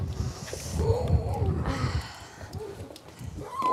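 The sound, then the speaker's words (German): Twelve young seal pups wail in a rearing pool at a station on the North Sea, under dark clouds and gusty wind, giving several drawn-out, wavering moans at mid pitch that overlap one another over a steady background hiss and low rumble. “Biologin Stefanie Mahal hat mit 12 Heulern im Aufzuchtbecken jede Menge zu tun.”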